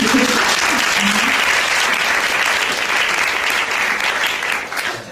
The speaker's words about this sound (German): Also einmal Applaus